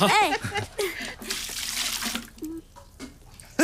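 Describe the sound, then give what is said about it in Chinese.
Water splashes and pours steadily into a washbasin for a couple of seconds, poured for someone to wash their face. Brief voices speak before and after the pour. “倒太多水了！”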